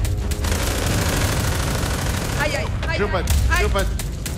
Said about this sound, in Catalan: Arriba una divisió de les SS amb ganes de gresca. No accepten la derrota. Estan ben equipats i transporten diversos canons mòbils. Comencen els trets.